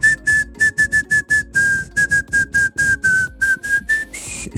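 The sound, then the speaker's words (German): Someone whistles the melody of a pop hit for a Kronehit radio morning show, a quick run of short, breathy notes in a steady rhythm with small pitch steps, and no one talking. “Jetzt musst du dir vorstellen, ich finde das ja voll schwer, alles in einer Tonart zu pfeifen, aber der Hit, um den es geht, wäre...”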